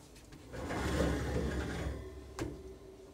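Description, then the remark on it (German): A door swings shut with a low scraping rumble, then a single sharp click as it latches, with no voices. “Ich mach mal die Tür zu.”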